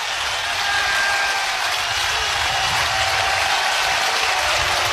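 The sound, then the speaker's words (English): A stadium crowd at a college baseball game involving Ole Miss cheers after a strike-two pitch at 95 mph, in a loud, steady roar that swells slightly early on and then holds unbroken for the whole stretch, with no voices standing out. “And here comes the crowd one more time.”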